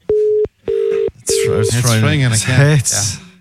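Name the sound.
telephone call ringing out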